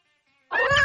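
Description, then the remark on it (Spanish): A single cat meow rises abruptly after a moment of silence, clear with a tonal, drawn-out quality that continues to the end without any talking. “El gato de Schrödinger está vivo y muerto a la vez, dentro de una caja.”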